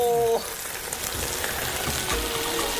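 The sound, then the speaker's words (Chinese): Steady, dense sizzling of a fish head frying in a clay pot with no water added, reaching half-cooked in about five minutes; a broad crackling hiss that runs throughout, opening with a brief tonal clink before settling into even frying noise. “只需5分钟，瓦煲中的鱼头迅速烧至半熟。”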